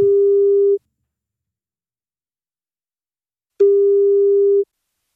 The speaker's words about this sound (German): wenn bei euch das Handy oder Festnetz klingelt, das könnten wir sein